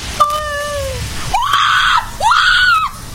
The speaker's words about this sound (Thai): ฟังเสียงคนที่เขากรี๊ดนะฮะนี่ฟังเสียงฮะนี่เสียงลมนะให้จินตนาการตามนะนี่ได้ยินไหมเนี่ยฮะอันนี้คือเสียงที่เขากรี๊ดเพราะว่ากล้องถ่ายขึ้นไปแล้วเห็นหน้าชะโงกมานะ